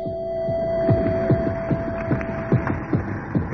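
A steady, low heartbeat-like throbbing from deep within a pipe pulses about every half second under a constant mechanical hum, with a thin sustained tone running through it. No one speaks.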